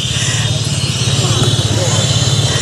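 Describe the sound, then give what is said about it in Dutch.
A steady, loud rumble of engines fills the scene, like traffic with cars and motorcycles moving in both directions, a continuous drone of motors with faint background voices mixed in. “We hebben wandelaars, we hebben fietsers, we hebben mensen op de motor, we hebben mensen in de auto. En ze gaan allemaal twee kanten op.”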